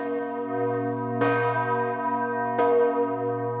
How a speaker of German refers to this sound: Je nach Tageszeit oder an Festtagen schwingen die Glocken unterschiedlich, zum Teil auch mit Glockenspiel.